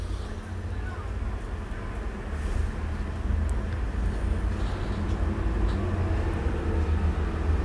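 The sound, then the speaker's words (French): Steady traffic on Boulevard Saint-Germain with a continuous low engine rumble as a yellow-orange Volkswagen, a green car, a small moped, a taxi and the number 87 bus pass by, faint voices mixed into the street noise throughout. “Boulevard Saint-Germain, serre haleine, une Volkswagen jaune-orange, une voiture verte, une petite mobilette, un taxi, l'autobus 87.”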